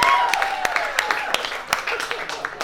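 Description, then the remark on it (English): An audience, with the ladies asked to clap in agreement, claps and cheers together, scattered sharp claps popping over a steady wash of crowd noise and a few whooping voices, lasting a couple of seconds at moderate volume. “Clap it up if you agree, ladies.”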